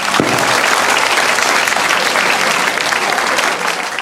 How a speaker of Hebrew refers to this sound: זה בני ברוך, חבריה, כפיים לבני ברוך.